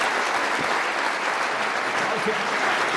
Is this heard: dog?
no